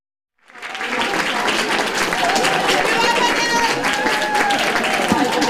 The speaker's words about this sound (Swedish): Efterdyningarna av årets Eurovision Song Contest fortsätter då halva duon av Finlands bidrag landade på Helsingfors-Vanda flygplats igår kväll. Peter Barkonen möttes med jubel och applåder av fans som samlats.